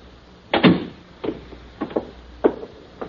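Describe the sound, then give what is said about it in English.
A door is opened and shut: one solid thump, then a string of lighter clunks and clicks spaced irregularly over a few seconds, with no voices. “I'll show you to the door.”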